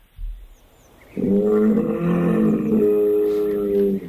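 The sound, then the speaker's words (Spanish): A bull bellows in one long, loud, sustained low call with a rich harmonic drone, beginning after a brief quiet thump and lasting nearly three seconds, with no one talking. “Enamorado de la luna. Toro.”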